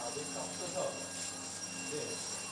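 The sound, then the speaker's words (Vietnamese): A steady, droning fire alarm tone buzzes continuously at moderate volume at a facility where the on-site rescue team is mobilized, with indistinct voices murmuring faintly underneath. “Lực lượng mà cứu hộ cứu nạn trong cơ sở ban đầu ấy, là mình phát hiện và nghe tiếng báo động cháy là mình sẽ huy động tất cả những anh em trong đội cứu nạn cứu hộ cơ sở để triển khai công việc mình đã được bàn giao,”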